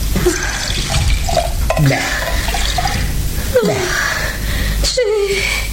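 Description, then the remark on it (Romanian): Water with a few drops of alcohol poured into a glass and stirred, a steady splashing trickle with a few light clinks and rising gurgles over a few seconds. “Stai să-ți dau puțin apă cu câteva picături de alcool.”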